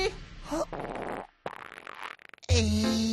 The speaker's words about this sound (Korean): 내가 바로 뿡뿡맨이다. 받아라 에그박사 방귀.